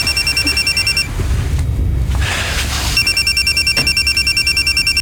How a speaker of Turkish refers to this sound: Telefon çalıyor.